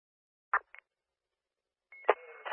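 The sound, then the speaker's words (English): Radio dispatch alert tones: two brief electronic bursts, a pause, then a steady tone giving way to a louder, buzzy sustained tone that runs to the end. Clear, no talking. “1200 copy tones.”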